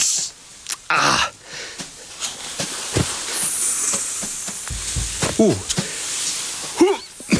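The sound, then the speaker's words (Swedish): A snake named Ormis hisses and writhes as a man tries to catch it with a rake, a snake stick and a bucket: a steady, high, breathy hiss lasting about a second, with shorter hissing bursts around it, mixed with a voice making brief exclamations and other scuffling noises. “Ormis väser och slingrar sig.”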